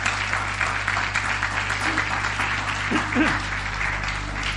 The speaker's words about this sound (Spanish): ¿Quieres darle un aplauso al Señor? Dale un aplauso a la palabra del Señor.